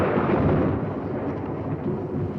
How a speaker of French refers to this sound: Ce bruit. Eh bien, l'éclair dit quelque chose au tonnerre et le tonnerre lui répond. L'éclair doit sûrement être fâché. Oh, pas vraiment. Alors pourquoi le tonnerre fait-il sa grosse voix?